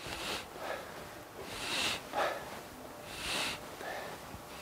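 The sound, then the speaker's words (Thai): Slow, deep breaths drawn in and let out through the nose during a slow exercise movement, breathing in while moving back; five airy hissing waves in a steady rhythm, moderately loud with no talking. “ช้าๆช้าๆมันจะได้ผลก็ต่อเมื่อมันสัมผัสกับการหายใจนะนี่เห็นไหมไปข้างหลังหายใจเข้า”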